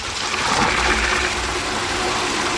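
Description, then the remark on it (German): At one of four wood-clad water columns in a cemetery, water gushes steadily from a tap into the water tank of Gisbert, a self-driving vehicle parked beneath it, a continuous loud rushing and splashing that fills the whole moment without pause. No one speaks. “Dort fährt Gisbert selbstständig drunter, so dass sich die Öffnung des Wassertanks direkt unter dem Hahn befindet.”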